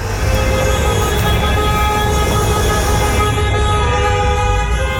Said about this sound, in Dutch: Hij krijgt ontzettend veel klachten hierover. Van ronkende motoren op uitgaansavonden. En een uitgaansavond klinkt dus echt zo.